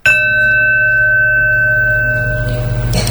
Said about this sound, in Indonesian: Bel masuk, Pak. Mari kita mulai pelajaran.